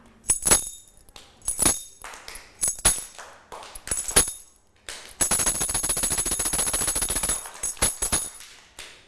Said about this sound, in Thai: ก็จะให้เสียงสัญญาณจังหวะค่ะจากเครื่องดนตรีชิ้นนี้ค่ะอะไรคะกลับกรุ้งกริ้งค่ะเด็กๆนะคะก็จะฟังเสียงสัญญาณจังหวะ